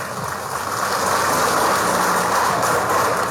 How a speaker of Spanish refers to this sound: Paipa, jatumanta, tajdiagaricuspa, carizunchej, fuerte los aplausos.